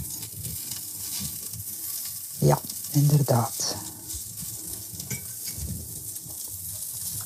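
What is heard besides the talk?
almond crisps sizzling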